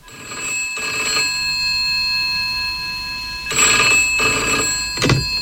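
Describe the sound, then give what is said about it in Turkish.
A telephone bell rings in two bursts, bright and metallic with a steady tonal hum between them, fairly loud, with no voices, on the TGRT FM radio prank-call segment Alo Şaka. “Evet sevgili TGRT FM dinleyicileri, bir Alo Şaka daha burada bitti ama yarın ondan sonraki günlerde belki sizin telefonunuzu çaldıracağız.”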